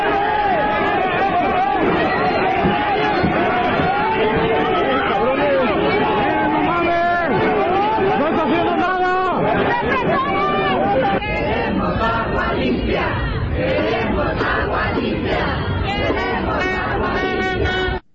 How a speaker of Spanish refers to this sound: Sí, escuchamos bien, Una protesta que ocurre en Guadalajara y zona metropolitana. La gente fue a gritar por agua limpia, y es que hay que recordar que llevan todo el año con agua sucia, con agua con larvas, con gusanos, maloliente.